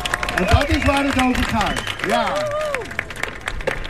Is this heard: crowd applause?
yes